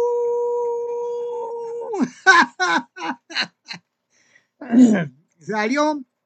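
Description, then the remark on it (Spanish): A group of people howl together on a count of three, a long, steady howl imitating a wolf, held for about two seconds, then breaking off into several short bursts of talk. “Gracias por acompañarme en este aullido.”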